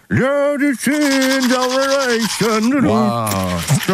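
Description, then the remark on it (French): A person sings a short melody with a toothbrush in their mouth, the sustained notes muffled and garbled into wordless vowel sounds, loud for a few seconds. “La brosse à dents pour nous chanter cette chanson.”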